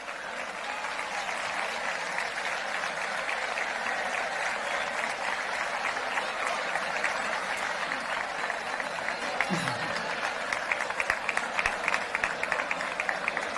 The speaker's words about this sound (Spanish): Invitamos ahora a subir al escenario a la señora alcaldesa, al hermano mayor de la Archicofradía y a la concejala delegada de fiestas. Un aplauso, por favor.